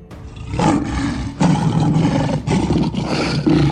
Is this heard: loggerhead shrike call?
no